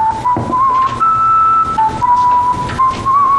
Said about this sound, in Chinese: 口哨呢？ 这大冷天的在街上吹口哨，不有病吗？但你别说啊，吹的还挺好听。